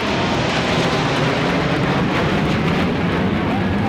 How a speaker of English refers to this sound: and military planes thundered overhead.